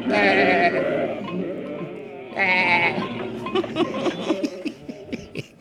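Sheep bleat loudly, with long wavering calls overlapping at the start and again midway, followed by shorter scattered bleats and rustling toward the end.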